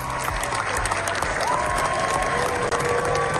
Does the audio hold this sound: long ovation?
yes